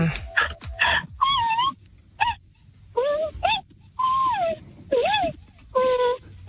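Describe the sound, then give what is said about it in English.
A person vocally imitates a giant panda's cry: a series of about eight short, whiny, wavering wails and squeaks with brief pauses between, fairly loud. “It's a panda.”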